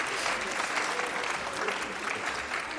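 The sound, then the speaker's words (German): Steady applause from a crowd for a correct answer to a riddle, a dense, even patter of many hands clapping at once, loud throughout with no talking over it. “Sehr gut, ein Applaus. Bravo!”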